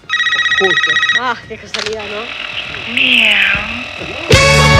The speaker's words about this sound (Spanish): Hay un teléfono que está sonando.